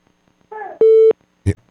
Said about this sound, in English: Did you hear it? Did you hear the beep like we did? I didn't hear any beep. Oh, yeah. You know the call waiting beep, right? It's a unique beep.